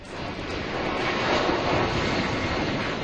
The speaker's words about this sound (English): That's the sound of their plane taking off from the Canary Islands this morning. It's due to land in Bagotville, Quebec this afternoon, where passengers will be put on a second plane bound for British Columbia.